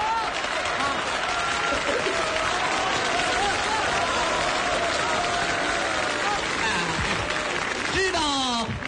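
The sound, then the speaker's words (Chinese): A large audience applauds steadily for several seconds, a dense, even wash of clapping, with a voice faintly rising over it toward the end. “为什么鼓掌吗？”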